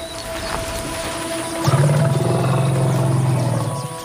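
A deep rumble from a female desert elephant, an African savanna elephant living in the desert, starts after a stretch of faint background noise, holding a low, steady, buzzing pitch loudly for about two seconds before easing off. No one speaks.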